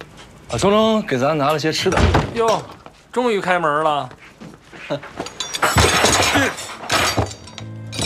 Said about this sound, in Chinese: 啊，终于开门了！